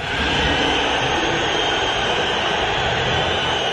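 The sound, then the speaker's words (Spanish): Atlético de Madrid fans whistle in disapproval at the end of a match as Julián Álvarez leaves the pitch, a dense, unbroken wall of shrill whistling over a low roar that holds steady and loud for the whole stretch. “Al final del partido, Julián se fue de la cancha separado de sus compañeros, sin saludar a la hinchada del colchonero, y podemos escuchar los silbidos”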